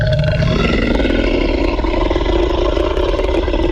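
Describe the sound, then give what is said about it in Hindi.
A deep, loud, sustained T-rex roar beside a jeep after it sniffs around it, during rain and thunder, rumbling and growling for several seconds over constant low, noisy background, with no one speaking. “फिर क्या होता है भाई, टीरेक्स एक बार और आपकी जीप के पास आकर सूंघने की कोशिश करता है, फिर जोर से धार मारता है, जोर से।”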